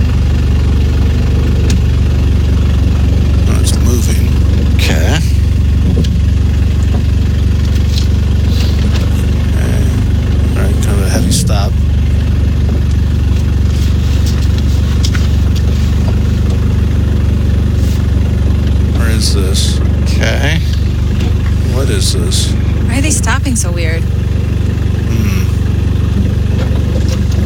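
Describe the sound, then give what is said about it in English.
A loud car engine idles steadily with a deep, rumbling low end, occasionally revving and rattling as it runs, continuous with no voices. “Kind of a loud car.”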